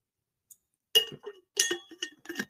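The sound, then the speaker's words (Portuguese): A glass clinks and knocks several times in quick, irregular taps as a speaker pauses a talk to drink some water. Bright ringing chinks come with softer handling sounds between them, and there is no talking. “Vou tomar uma aguinha, desculpa, tá?”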